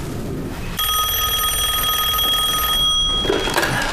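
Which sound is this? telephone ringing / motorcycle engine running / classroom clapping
telephone ringing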